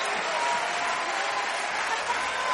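A crowd claps steadily and densely, a continuous wash of many hands with no pauses, an audience applauding the Lord together.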